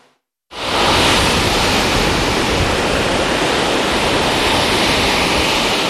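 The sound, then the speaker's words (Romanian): Heavy surf roars loudly and steadily after a brief silent start, a dense, continuous crash of large waves on the shore in strong wind, with no voices. “Turiștii și-au pus viața în pericol, au intrat în apă, deși erau valuri mari, vânt puternic și clar arborați de agul roșu.”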